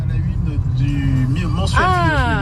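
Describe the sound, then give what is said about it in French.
A steady engine rumble from inside a car driving a winding mountain road between Beaufort and the lac de Roseland, with a brief rising tonal sound near the end over the continuous low drone. “Allez, on redémarre. C'est reparti pour quelques petits lacets.”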